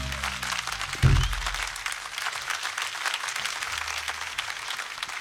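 Steady audience applause at a concert for the quartet's piano and keyboard player, a dense crackle of many hands clapping continuously at moderate loudness, with a brief low thump near the start and no voices standing out.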